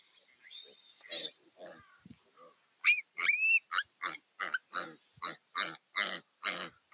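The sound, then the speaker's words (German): Piglets squealing in a rapid, insistent series of loud, high-pitched shrieks as a raven deliberately attacks a piglet, preceded by a few quieter grunts and cries, filmed by a wildlife camera. No one speaks. “Dieser Rabe geht gezielt auf ein Ferkel los.”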